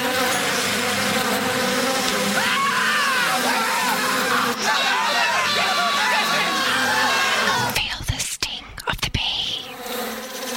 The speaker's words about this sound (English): Is that a bee?